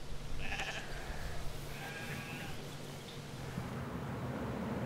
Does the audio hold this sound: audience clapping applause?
no